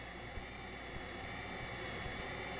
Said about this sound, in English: As well as enveloping, the synthesizer can also filter sound. Let's listen to how this jet noise can be altered when parts of it are filtered or removed.